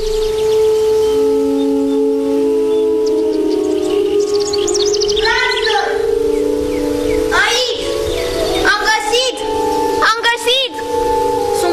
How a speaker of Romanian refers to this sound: Cât voi mergeți în vie la cules, o să vă cânt din fluier.